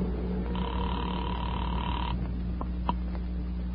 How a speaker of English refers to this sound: I walked across the street, stepped into a phone booth, and dialed my own number.